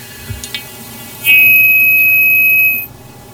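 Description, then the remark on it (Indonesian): A phone line's disconnect tone: one loud, steady electronic buzz-tone holding for about a second and a half, preceded by a couple of faint clicks, with no voices over it. “Oke, terputus.”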